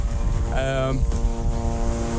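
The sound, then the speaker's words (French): An Israeli military drone buzzes steadily in the sky over Beirut, Lebanon, a continuous droning engine hum with a strong tonal whine that holds through the whole moment, moderately loud, with a brief brighter tone briefly rising over it. “Un drone israélien bourdonne dans le ciel de Beyrouth et sur ce promontoire qui offre une vue plongeante sur son quartier,”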